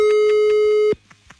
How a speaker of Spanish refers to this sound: ¿Vamos a marcar a Tamaulipas? Órale. Bueno, pues marcamos, a ver si nos contestan, ¿eh? Estamos marcando ahora. Bebé, hasta se pierde con el tutú del teléfono.